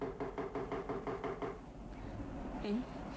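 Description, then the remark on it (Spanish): A rapid series of about eight or nine even knocks on a door, steady and moderately loud, followed by a brief pause and a short faint tonal sound near the end. “Alguien llama a la puerta.”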